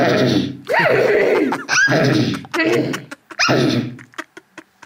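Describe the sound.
A girl imitates a horse neighing: several loud, warbling whinny bursts with quavering, rising and falling pitch, separated by short gaps and ending in a few faint clicks and breaths.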